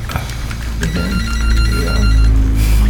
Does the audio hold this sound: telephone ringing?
yes